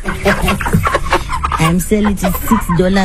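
A flock of broiler chickens clucks, short repeated calls overlapping one another in a steady, busy chatter with no pauses; a farmer's 110 broilers, 50 small and 60 large, kept in a village in Machingo province.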